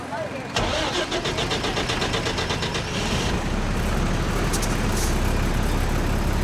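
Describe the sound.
A car engine turns over with a rapid rattling start, then settles into a steady, loud idling rumble, with muffled voices in the background.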